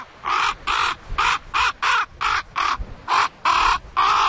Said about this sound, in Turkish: Benimki kuzgundu.